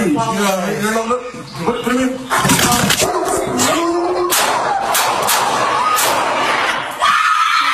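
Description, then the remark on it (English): Several sharp gunshots, recorded on a Los Angeles police body camera as an officer shoots a dog at an apartment complex in Canoga Park, crack out amid frantic shouting and screaming voices, the loud blasts coming in a tense cluster with people yelling over and around them. “The Los Angeles Police Department releasing body cam video showing an incident during which an officer shoots and kills a dog at an apartment complex in Canoga Park, and you can hear the audio.”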